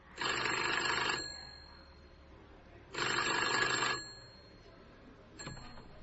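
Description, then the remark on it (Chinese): An old-fashioned mechanical telephone bell, on a restored telephone made in the USA in 1910 with a wooden stand and metal bell, receiver and horn, rings loudly in two long, rattling bursts separated by a pause, followed by a brief clunk as the receiver is picked up. “这就是1910年美国生产的这样一部电话机，这个架子是木质的。”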